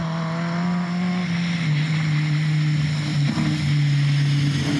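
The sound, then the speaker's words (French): A 212-horsepower competition Citroën DS engine drones steadily as the car is driven on a badly rutted dirt track, its pitch dipping then climbing again as it revs, with a loud continuous rumble and no voices over it. “Voilà, le moteur il miaule.”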